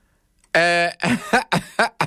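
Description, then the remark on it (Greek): A loud run of coughs: one drawn-out, voiced hack followed by four shorter, sharp bursts in quick succession, with no talking around them. “Να βήξω, γιατί μου θυμίζει κάτι που συνέβη στην Ελλάδα.”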